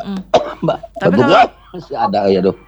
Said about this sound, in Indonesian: Ya, masih baru pulih setelah sekian hari batuk pilek yang kena begadang terus nonton bola. Malam ini jam 2 lagi nih Pak ya. udah batuk benar, lagi nih.